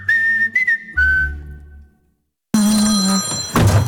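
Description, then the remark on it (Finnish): A phone rings with an incoming call: a few clear, high electronic tones that fade into a short silence, followed by a burst of louder, fuller sound. “Iso pää soittaa.”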